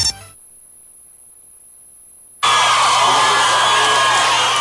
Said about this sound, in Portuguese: Eu queria uma grande salva de palmas para esse nosso convidado, um dos melhores sanfoneiros do Brasil.